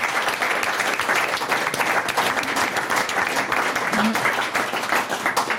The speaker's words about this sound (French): On applaudit ce magnifique défi.